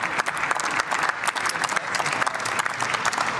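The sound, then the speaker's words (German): Sustained applause from many people clapping at once in a parliament chamber during a session, a dense, steady crackle of hands that stays loud and even throughout, with no one speaking over it. “Und in der Regel ist es der Regierungsbank nicht erlaubt zu klatschen.”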